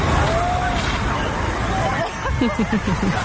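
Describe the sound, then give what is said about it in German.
In Berlin, a water cannon sprays a fine mist of clean water to the right over the sidewalk onto a lawn so people can cool off in it. It makes a steady, broad hiss, mixed with the chatter of a crowd and a few voices talking over it. “Wir würden jetzt einen Wassernebel rechts über den Gehweg auf die Wiese abgeben.”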